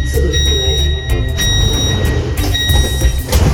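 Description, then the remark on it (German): Train sliding doors closing, marked by a loud, steady high-pitched warning tone sounding in two long stretches over a low, rumbling carriage background. “Bitte rücken Sie enger zusammen, damit sich die Türen schließen.”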